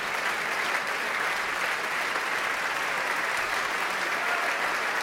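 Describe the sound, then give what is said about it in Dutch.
Sustained applause from a large audience at the Muziekgebouw aan het IJ for the music of composer Kaya Sarriaho fills a reverberant hall, a dense, steady wash of clapping at even loudness throughout, with no individual voices standing out. “Kaya Sarriaho raakt een snaar bij het publiek.”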